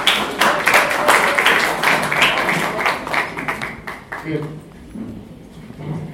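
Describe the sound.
An audience at an event held on 27 August 2025 claps for a speaker in a steady, dense patter of sharp hand claps that gradually thins and softens toward the end, with some voices mixed in underneath.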